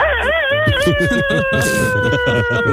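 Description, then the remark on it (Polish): A rooster's long crow, played as a morning wake-up call on the Polish station Radio Złote Przeboje: one drawn-out, strongly harmonic call that wavers at first, then holds and slowly sinks in pitch, over a low, rapidly pulsing background rumble. “To kogut był chyba, bo prosimy nie mylić z Tarzanem.”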